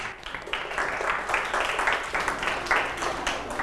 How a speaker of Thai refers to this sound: ยอดเยี่ยมเลยนะครับปรบมือให้เพื่อนด้วยครับ